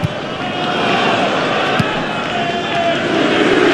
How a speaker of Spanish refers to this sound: Escuchen ustedes el abucheo, ¿eh? Por parte respetable. Ojo. No están abucheando el Fulham. Abuchean a la visita.